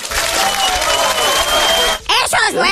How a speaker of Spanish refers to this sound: Eso es un aplauso.